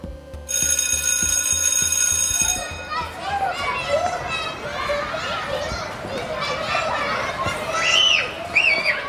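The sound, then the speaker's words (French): A shrill electric bell rings for a couple of seconds, then a crowd of children shouts, squeals and chatters while playing at 10 a.m. recess in the schoolyard of the Profondine school in Saint-Sébastien-sur-Loire, in the Nantes metropolitan area of France, with high excited cries rising above the steady din. “Ici, on entend les enfants crier, jouer et s'amuser autrement.”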